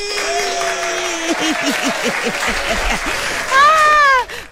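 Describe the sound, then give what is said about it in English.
An audience claps steadily in a dense, continuous patter while voices call out over it, swelling into a louder burst of cheering just before the end. “Make her for clap. Ma for clap for you this beautiful, beautiful Friday morning.”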